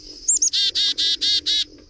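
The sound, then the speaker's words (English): A bird calls: two quick rising chirps, then a run of five loud, evenly spaced harsh notes with a raspy, buzzy tone. No voices. “It's a far cry from the DDD of a chickadee, but both voices carry on the legacy of ancestors that lived long, long ago.”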